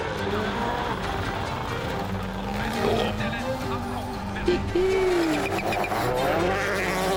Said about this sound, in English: This is going to be some run from Rovan Pera. Look at that. Calais just running the car right the way out to carry as much speed as he can.